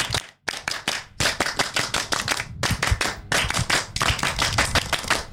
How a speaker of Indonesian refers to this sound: Tepuk tangan atau dua kali tepuk pramuka.